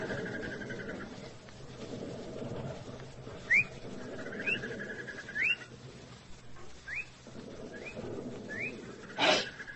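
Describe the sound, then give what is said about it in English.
A bird's mating call at a river crossing: short, rising whistled chirps repeat about every second over a steady low background rumble, followed by a sharp burst near the end. “It's one of them birds, mating.”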